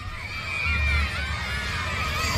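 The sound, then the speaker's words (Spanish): A crowd shouts and cheers together in a sustained, noisy roar welcoming Diego Gómez in San Juan Bautista, Misiones, many voices overlapping with a steady low rumble underneath. “Griterío total en la zona de Misiones, San Juan Bautista.”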